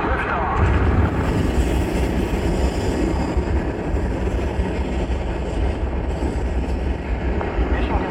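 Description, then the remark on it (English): A massive, steady rocket engine roar at the liftoff of Mars X2, the first mission to Mars, after main engine start, deep and rumbling, holding constant and loud for the whole stretch with no pauses, filling the low end like continuous thunder. “a part of this historic liftoff of the first mission to Mars.”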